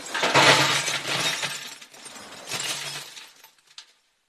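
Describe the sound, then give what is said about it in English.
Glass bottles crash and rattle as they are dropped into a recycling container, two loud clattering bursts followed by a brief faint clink before it falls quiet. “People put old bottles, drinks cans and magazines in the recycling containers.”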